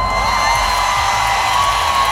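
A huge festival crowd of about 100,000 happy, enthusiastic fans at Rock in Rio in Rio de Janeiro, Brazil, roars and cheers continuously, a dense, loud wall of whoops and shouting that stays steady for the whole couple of seconds.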